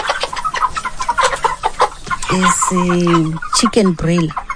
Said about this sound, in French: Ce sont des poulets de chair. J'en ai de deux catégories, 50 petits et 60 gros. Au total, j'ai 110 poulets.